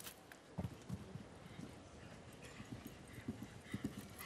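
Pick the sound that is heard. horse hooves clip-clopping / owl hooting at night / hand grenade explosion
horse hooves clip-clopping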